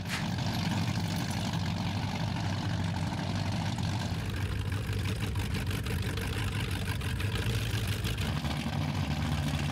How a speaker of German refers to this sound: Einmal im Jahr kommen die Powerboote ans Stettiner Haff. Laute Motoren, die meistens von ganz ruhigen Fahrern gesteuert werden.